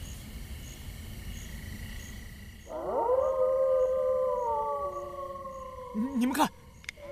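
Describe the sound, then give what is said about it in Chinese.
Several wolves of a pack howl together in long, overlapping wavering tones that start abruptly and rise and fall over a steady background of night insects, ending in a sharper, louder yelping burst. “你们看，那是什么？那是狼！狼群！”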